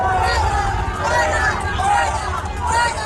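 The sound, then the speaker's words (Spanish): A large outdoor crowd outside the nunciature in the north of Madrid shouts "fuera" and boos the president of the government as he arrives by car, a continuous, loud roar of overlapping voices in a dense wall of chanting and booing that swells and dips slightly throughout. “Gritos de fuera, fuera al presidente del gobierno, que llegaba en coche a la nunciatura en el norte de la ciudad de Madrid.”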